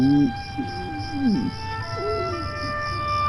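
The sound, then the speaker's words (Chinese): A hungry man's stomach growls in a few wavering, low gurgles that rise and bend in pitch, spread across a few seconds over a faint, steady background hum. “妈，叔叔肚子里有一只青蛙给那呱呱叫了。”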